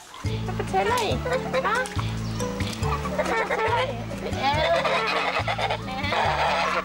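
Many geese honk and cackle in a busy, overlapping chorus, loud, while a steady rhythmic bass line of background music pulses underneath throughout.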